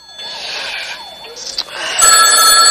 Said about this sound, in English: The phone rouses Joan on the sofa.